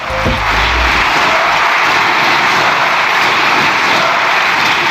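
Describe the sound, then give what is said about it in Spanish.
Members of the Spanish parliament clap and shout together in a loud, unbroken roar, dense and steady for the whole five seconds, with shouts calling for resignation mixed in as the socialist bench applauds Pedro Sánchez when the session is adjourned. “Había gritos de dimisión y una bancada socialista que estaba aplaudiendo como un solo diputado a Pedro Sánchez, que fue quien alentó el aplauso,”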